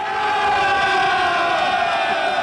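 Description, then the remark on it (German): A large crowd cheers and shouts together in a steady, dense roar of voices that stays loud and unbroken throughout, with no individual words standing out. It is a reception for the firefighting world champions in the small town of Bad Müllerken, Urfa-Umgebung district. “Und so klingen die Weltmeister aus Bad Müllerken.”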